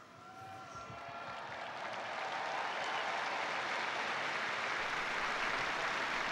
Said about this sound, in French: Le pape qui a donc récité la prière mariale de l'Angélus et qui est applaudi par les fidèles.